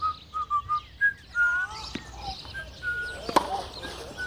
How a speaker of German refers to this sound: wenn du nicht sofort aufhörst zu pfeifen, schicke ich dich zu Bett.